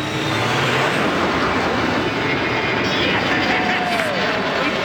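A Canadian Avro Arrow jet interceptor, Arrow 201, taking off: a loud, steady roar of engine thrust fills the whole clip, with a high turbine whine sweeping through it.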